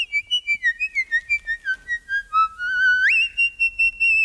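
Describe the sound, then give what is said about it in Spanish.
A high-pitched whistle plays a quick series of short, pulsing notes that glide gradually downward, then holds a steadier tone that sweeps sharply upward near the end. Clear, with no talking. “Que eso puede parecer mucho pues el silbido, ¿no?”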